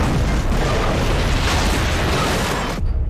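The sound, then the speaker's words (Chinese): A loud bomb explosion, set off shortly after passengers boarded, fills the scene with a sustained, roaring wall of rumbling noise and debris for nearly three seconds before cutting off abruptly. No voices are heard. “炸弹在乘客上车后不久就爆炸了。”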